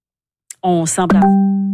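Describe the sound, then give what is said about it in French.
A short burst of electronic notification tones, a quick warbling chirp that settles into one steady, buzzy beep held to the end, fairly loud with no one talking. “On a des notifications, oui”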